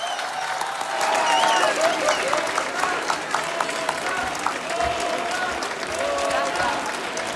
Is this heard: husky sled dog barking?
no